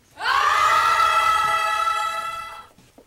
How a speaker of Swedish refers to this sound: Nu har Svenska kyrkan i Härnösand en kampanj som kanske kan råda bot på det här, men på ett annat sätt. De uppmuntrar unga att skrika i kyrkan så att det hörs till himlen. Kan lyssna hur det lät när SVT var där.